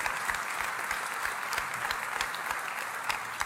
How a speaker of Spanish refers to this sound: Vamos, si va a aplaudir, hágalo con ganas, iglesia.